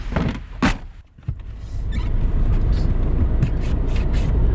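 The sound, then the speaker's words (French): Steady low rumble inside a car being driven away after a pickup at a train station, with a couple of short clunks near the start like a door or window, then continuous road and engine noise. “vous êtes venue me chercher à la gare et on est maintenant dans votre voiture.”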